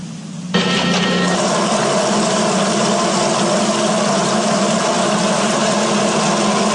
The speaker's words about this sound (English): Hey, the grass needs watering. I better turn on the sprinklers.